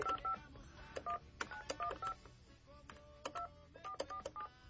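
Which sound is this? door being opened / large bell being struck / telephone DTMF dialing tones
telephone DTMF dialing tones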